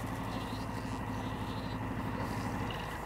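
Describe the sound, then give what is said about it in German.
A car engine idles steadily, a low continuous rumble with a faint hum that holds even throughout, with no voices over it. “So, dann kommen wir her mit dem Auto.”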